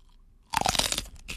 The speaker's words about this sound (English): Grabbing the chile. La chile. A big ass bite. A big one. Big bite. Just a tip. Quick. See, can you hear it? Ready?